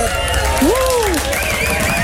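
Steady, dense applause with a crowd cheering fills the whole two seconds, while a swooping whistle-like tone rises and falls once partway through.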